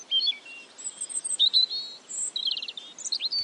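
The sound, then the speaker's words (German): Several birds chirp and sing outdoors, with quick high whistles, short trills and overlapping tweets in a lively, continuous chorus, and no voices. “Wir sagen gar nichts mehr, wir lauschen den Vögeln.”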